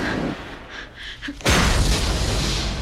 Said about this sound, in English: In the testing room, Triss opens her eyes to find Janine's guards trading fire with insurgents on the other side of the window. The testing room's doors explode.